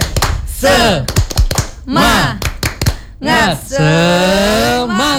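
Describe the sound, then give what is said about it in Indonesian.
A group performs the Indonesian 'tepuk semangat' (spirit clap), clapping in quick rhythmic bursts between loud, sing-song chanted shouts, ending on a long held, drawn-out vocal cry with no clapping under it. “Tepuk semangat.”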